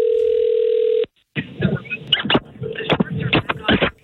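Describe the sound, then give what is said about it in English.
A steady telephone dial tone hums for about a second as a call is placed from the Roz and Mocha Show, then cuts off abruptly, followed by a short pause and a jumble of clicking, rustling handset noises. “it means that the following morning, you could get a call from the Roz and Mocha Show.”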